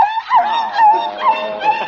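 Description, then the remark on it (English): A small Pekingese dog, Princess Lotus Blossom, yelps and whines in a high, wavering voice while being bathed, several sharp cries running together in quick succession, loud, with no one talking. “Did Dog get that nasty old soap in your eyes?”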